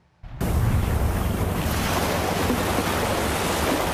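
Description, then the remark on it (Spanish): Ocean waves of the Pacific crash against the coast of Guatemala during a storm, the sea overflowing and destroying houses and hotels, in a loud, continuous roar of surf with a rushing, windy quality that starts abruptly and holds steady with no voices. “El paso de la tormenta Cristina ha generado fuertes lluvias en varios lugares de Guatemala, por lo que el mar se desbordó y destruyó casas y hoteles en el Pacífico”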